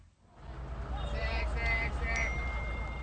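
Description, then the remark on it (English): A phone notification chime rings out in short bright tones over a steady background rumble, with a second, briefer ping near the end. “notifications.”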